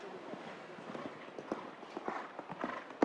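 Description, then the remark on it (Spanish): Horse hooves clip-clop in a steady, rhythmic series of thuds on the ground, with a few sharper, louder strikes toward the end, as the horse Kanpai, ridden by Eiken Sato, goes round a show jumping course with a vertical fence. “Y vemos que el tranco del caballo no se abre.”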